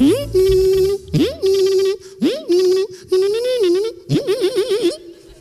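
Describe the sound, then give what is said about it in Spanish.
A voice imitates a slot machine in five loud, buzzy bursts, each sweeping upward into a steady nasal tone, the last one warbling rapidly up and down. It is presented as the 'sport' of slot machines in a mock radio ad for a course in sports sound effects. “El famoso deporte de las máquinas tragaperras.”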